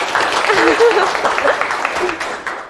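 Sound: applause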